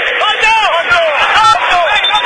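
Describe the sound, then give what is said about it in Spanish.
A large crowd of River fans shouts and chants together at a football match in a loud, continuous roar of overlapping voices, rising and falling in pitch without pause for a couple of seconds. “Grita el pueblo de River, ese para Poncio, mete indicación al León.”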